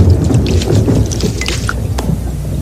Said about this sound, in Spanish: Cuando estas pequeñas gotas son muy gruesas y pesadas para la nube, caen como gotas de lluvia. Como esas.